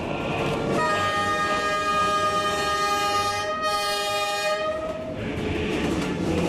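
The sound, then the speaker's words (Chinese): A China–Laos Railway high-speed electric train rushes through the green hills and waters of Pu'er with a steady rumble, sounding one long, loud horn blast for several seconds partway through before the roar continues. No one speaks. “此刻一列中老铁路的动车正穿过普洱的青山绿水”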